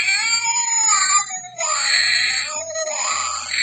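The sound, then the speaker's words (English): A loud, tinny cat yowl from a Dollar Tree Halloween sound-effects toy: two long, wavering wails that slide up and down in pitch, alone, with a faint electronic buzz underneath. “Thank you, Dollar Tree, for that lovely, lovely sound effects thing for Halloween.”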